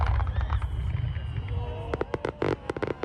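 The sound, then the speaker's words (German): Fireworks going off at a Japan Day (Japan-Tag) pyrotechnic show by a fireworks master flown in from Japan: a low rumbling boom gives way to a quick run of sharp crackling bursts and pops, with faint whistling tones threaded through and murmuring voices underneath. “Ein Feuerwerk voller Lebensfreude heißt die Pyro-Show des Feuerwerkmeisters, der wieder extra aus Japan eingeflogen wurde.”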